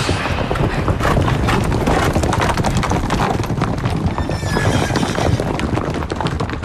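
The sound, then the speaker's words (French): The hooves of Charles's black stallion El Moro clip-clop steadily and loudly throughout as it is spurred away from a battle, a dense, rapid rhythm of hoofbeats, with a brief high whinny rising partway through. “Je claque des doigts et je me retrouve derrière lui sur son cheval El Moro.”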